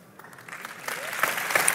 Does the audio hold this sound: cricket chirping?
no